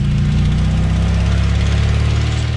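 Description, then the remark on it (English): The engine of an old, dilapidated car rumbles steadily and loudly throughout, a continuous low drone with a rough texture, as a company employee drives it along a dirt road. There are no voices. “A dilapidated car that a company employee is driving along a dirt road.”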